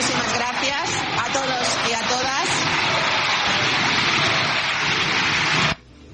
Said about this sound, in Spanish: Escuchaban gritos de dimisión, también aplausos.